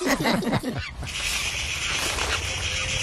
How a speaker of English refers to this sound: He scared those birds out of the tree. Sure did.